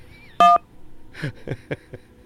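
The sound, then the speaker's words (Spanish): A single loud phone keypad tone, a short two-pitched electronic beep lasting a fraction of a second, as a caller presses a button on her phone, followed by quieter voices talking in the background. “apachurra tu teléfono.”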